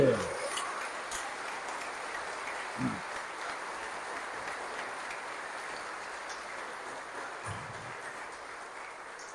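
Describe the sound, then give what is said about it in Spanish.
An audience at a church service stands and applauds God steadily throughout, a dense, sustained wash of clapping, with a few brief voices and shouts rising out of it now and then. “Póngase de pie, denle un aplauso a Dios.”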